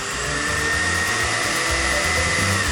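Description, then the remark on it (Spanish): A loud, steady electric blender whirs continuously with a high motor whine and a rough grinding churn underneath, running without pause from start to finish and no voices. “Hoy es viernes de batidora olímpica.”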